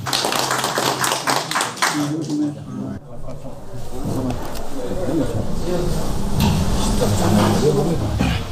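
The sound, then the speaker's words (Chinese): A group at an expert meeting on excavating and protecting ivory claps together in a burst of dense, sharp claps for a few seconds, then the applause gives way to a steady background of murmuring voices and low noise. “可以， 可以，咱们鼓掌吧。”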